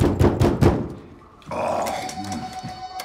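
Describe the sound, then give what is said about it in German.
Heavy, booming knocks pound on a door four times in quick succession, then fade, followed by a rougher, sustained growling noise with no talking. “Macht ja unsere Tür kaputt.”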